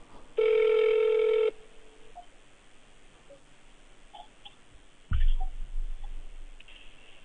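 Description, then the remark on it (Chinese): A single steady telephone ringback tone while calling to see if a number gets through, a flat mid-pitched beep with harmonics, followed by quiet line hiss and then a low thump near the end. “嗯，稍等，我稍等，我看看这个能不能打通啊。”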